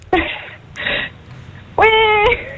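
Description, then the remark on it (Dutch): A person imitates a whimpering baby with two short breathy whines followed by a longer wavering cry, all fairly loud. “Doe eens je beste baby na.”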